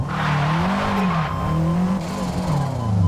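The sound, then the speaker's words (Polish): A four-wheel-drive car launches at full throttle in first gear with its engine roaring as the tires skid and squeal loudly for several seconds, the engine pitch wavering, continuous with no talking. “Było słychać, że zanim ten samochód zaczął jechać, to wpadł w taki dosyć mocny poślizg.”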